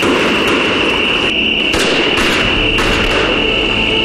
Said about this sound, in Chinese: 交通员同志，这个枪声也是我们交通员同志为新民走的吧？ 是的，先生，我们对于紧急状况都有自己的预案。